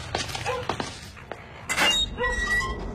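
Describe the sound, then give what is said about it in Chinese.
Several heavy, irregular thuds of a fist pounding on a door at night, followed by a louder burst of banging, standing out against a quiet background. “谁呀，大晚上的砸门。”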